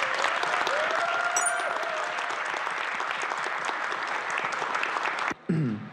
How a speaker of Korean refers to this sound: 힘찬 박수 부탁드립니다.